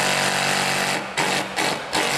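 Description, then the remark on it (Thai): A hammer-only impact drill, the kind used for drilling concrete, hammers loudly and continuously, a harsh rapid chattering buzz with brief dips around each second as the pressure eases. No one speaks. “สียงอาจจะแปลกๆนะคุณผู้ชมเพราะว่ามันเป็นจอกกระแทกอันนี้ไม่มีหมดอื่นด้วย”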